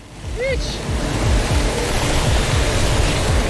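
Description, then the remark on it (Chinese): Heavy rain pours down in cold weather as darkness falls, a dense, steady roar of hiss, with low buffeting rumbles underneath and a brief high chirp near the start. “这雨太大了。”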